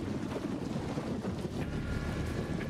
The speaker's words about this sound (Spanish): Diluvia en Buenos Aires. En un rato se hizo de noche y empezó a caer abundante agua. En algunos lugares se registra granizo.